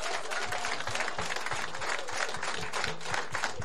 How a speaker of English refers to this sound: I can truly tell you that Mossel Bay, under this man's leadership, is one of the best, and he should get a round of applause.